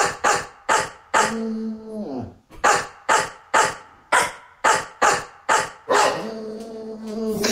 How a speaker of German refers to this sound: Okay, wir haben jetzt ja Bulldogge Horst, ja? Und wir hören noch mal kurz rein, wie das klingt, wenn Horst einen HR4-Hit bellt.